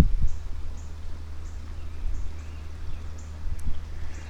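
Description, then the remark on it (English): Strong wind blows by a creek in a steady low rumble, buffeting and surging in gusts, while faint high chirps repeat at regular intervals. “Because the wind is blowing so hard.”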